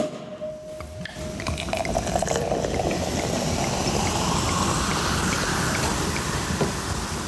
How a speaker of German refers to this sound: Es klingt wie ein französischer Champagner, es ist aber keiner. Wir sind nämlich in Südafrika, einem Land mit einer langen und ganz eigenen Weintradition.